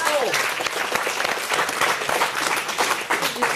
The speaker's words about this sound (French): On applaudit notre invitée puisqu'elle a coincé les décodeurs.